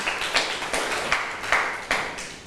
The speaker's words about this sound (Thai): ต้องค่ะเก่งมากปรบมือให้เพื่อนหน่อยค่ะ